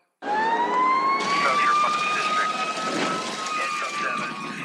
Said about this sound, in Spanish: Escuchamos la sirena y pensamos en peligro, en caos, en fuego. Pero detrás de ese sonido hay algo más fuerte. El pulso de alguien que decidió correr hacia donde todos los demás escapan.